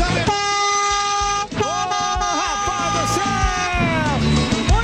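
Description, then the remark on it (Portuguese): Several vehicle horns blare together in a loud, sustained chorus of overlapping honks during a late-night horn-honking session by drivers, with pitches sliding and shifting as new blasts join in over a continuous din. “Vai, toma buzina aí.”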